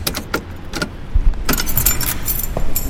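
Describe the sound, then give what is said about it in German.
Keys jangle and clink in short, irregular bursts as someone rummages through them searching for a key, with faint low rumble underneath and no one speaking. “Ach, fuck, wo habe ich denn jetzt den verdammten Schlüssel?”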